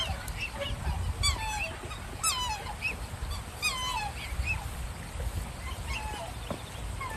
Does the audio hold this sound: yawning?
no